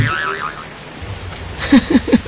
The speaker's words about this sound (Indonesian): Udah kasih tahu belum kalau kita kejebak hujan dan kemungkinan bakalan banjir?